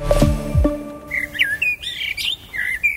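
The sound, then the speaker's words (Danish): After a brief low, ringing tone, birds sing and chirp in a quick series of bright whistled phrases and tweets. They sound clear, with no one talking. “Det var fuglenes dag i dag, og interessen for fugle er vokset, især blandt børn og unge, fortæller biolog Joachim Mathisen.”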